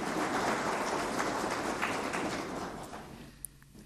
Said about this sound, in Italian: Give a round of applause for this hard-working team.